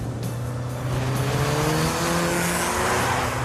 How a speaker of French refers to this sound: C'est une petite voiture, mais on a l'impression de conduire un vrai bolide avec un gros moteur.